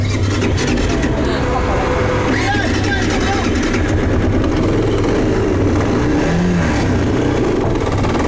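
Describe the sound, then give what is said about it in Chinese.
A three-wheeled sidecar motorcycle engine runs loud throughout while being driven on a muddy road, its low rumble rising and falling as it revs, with steady mechanical noise filling the background. “没有想到第一次尝试就以失败而告终，因为三轮摩托比两个轮子的摩托更难开一些，右边的这个边斗起到一定的配重的作用，如果上面坐了人的话，这个边斗这个两摩托开得会更稳一些，尤其在这种泥泞的这种稀泥路上面。”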